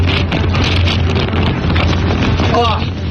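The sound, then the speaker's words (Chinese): Strong desert wind in the Dahaidao wilderness of Hami, Xinjiang, China, blasts straight into the microphone in a continuous, loud roaring rush with a deep rumbling buffet underneath; a faint voice briefly surfaces near the end. “但很快，小两口就感受到了新疆大风的威力。”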